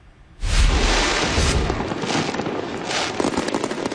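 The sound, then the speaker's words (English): After a brief quiet moment, a loud burst of fireworks erupts into a dense, continuous barrage of crackling booms and pops that keeps going, with no voices. “Meantime, local animal shelters are preparing for the influx of animals they get every year, often the result of fireworks displays.”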